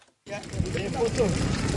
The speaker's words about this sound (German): Vor dem Eingang dieses Krankenhauses in der kongolesischen Provinz Ituri brennt ein Feuer. Wütende Menschen haben Kartons, Holz und Autoreifen in Brand gesetzt.